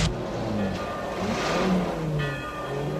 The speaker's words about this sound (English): The guard's car pulls onto the road.